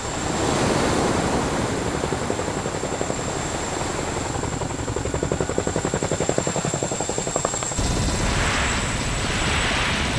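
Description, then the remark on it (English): A Chinook helicopter landing on water, its rotors thumping steadily and loudly over rushing water and crashing waves, with gusty wind noise on the microphone; the rotor chop grows more distinct midway, then churning spray takes over. “As well as being able to operate up high, the Chinook is just as good down low. It was designed to float like a boat and can land on water for special operations.”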